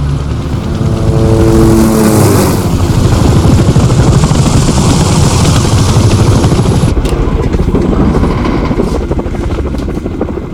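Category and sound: vehicle, helicopter rotor noise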